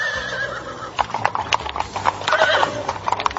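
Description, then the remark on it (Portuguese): Horse hooves clip-clop in a steady rhythm as horses and chariots set off on a journey, preceded by a brief whinny at the start, with a faint background hum throughout. “Então Namã não pensou duas vezes, pegou as suas carruagens, os seus cavalos e pôs-se logo a caminho para a terra onde morava a menininha, a terra de Canaã.”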